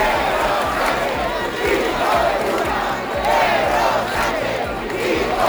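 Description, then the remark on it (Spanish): Hundreds of protesters in the street in Santiago chant loudly and continuously 'Sánchez dimisión' amid insults to the Spanish prime minister, many voices blending into a rhythmic, surging roar with no pauses. “cientos de personas han salido también aquí en Santiago a la calle al grito de Sánchez dimisión y entre insultos al presidente del gobierno.”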